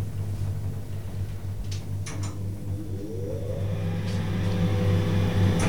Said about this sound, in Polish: Wyłączę wentylator.